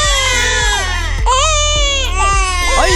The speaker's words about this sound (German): Ja, ein Baby ist schon eine Herausforderung, aber so eine Mehrlingsgeburt, puh, die hat's in sich. Mehrfaches Babygeschrei, mehrere Windeln auf einmal wechseln und das Ganze im Akkord.